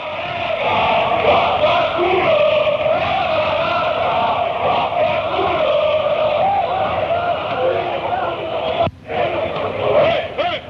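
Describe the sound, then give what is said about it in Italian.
A large crowd of football fans, the group called the brasati, chants choruses in unison, a loud, steady roar of massed voices with a sung melodic line that barely drops for over ten seconds. “Questi sono sempre i brasati, che fanno sti coretti.”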